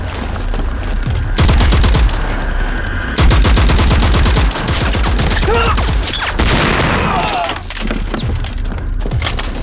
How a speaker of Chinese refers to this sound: 前方报告， 314高地后方大余令方向传来激烈的枪炮声